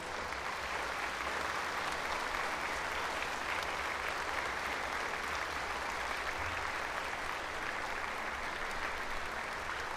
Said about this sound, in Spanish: Vamos a darle un fuerte aplauso primero a San Antonio.